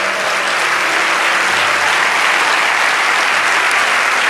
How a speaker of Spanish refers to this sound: Adore a Dios que llegó su alabanza a los cielos. Vamos, dale ese aplauso.